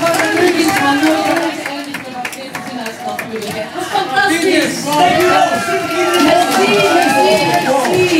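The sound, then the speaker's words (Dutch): A large crowd at a live Radio 2 broadcast in Antwerp applauds a performer steadily, with scattered claps mixed into loud cheering and overlapping voices, a dense, continuous wash of audience noise from start to finish. “En ondertussen applaus”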